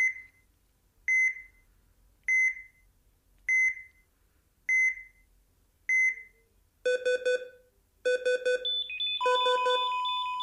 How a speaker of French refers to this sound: Mais ces bip-bip, c'est évidemment dans le pire des cas, et pour ne pas en arriver là, diverses alternatives existent.